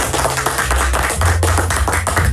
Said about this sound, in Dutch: En momenteel staat bovenaan die ranking, en daar mag echt even een applaus voor klinken,